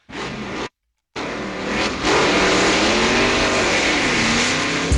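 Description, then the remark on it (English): A car engine revs loudly, its pitch climbing and holding in a sustained roar after a brief cut to silence near the start. “Now, for some of us, a very lucky few, today may be the day that we're revving up the engines for the holiday weekend.”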